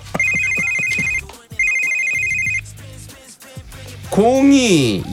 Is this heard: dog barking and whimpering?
no